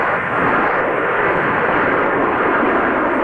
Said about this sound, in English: 34-foot-tall Mac the Moose towers over Moose Jaw, along with the legacy of the Canadian Forces Snowbirds jets after more than 50 years in the air.